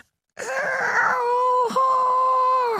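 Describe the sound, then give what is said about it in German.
A voice imitates the very quiet roar of a tiny lake monster no bigger than a frog: a drawn-out, steady-pitched groaning tone lasting over two seconds, with one brief catch partway through before it carries on. “Wenn es brüllt, tut es das sehr leise. Ungefähr so.”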